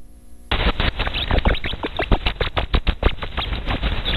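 Ultrasonic rat laughter from belly tickling, recorded by scientists with special audio equipment and turned up to be audible: a dense, rapid flurry of sharp chirps and clicking squeaks that starts abruptly and continues unevenly, fluttery and loud, with no talking.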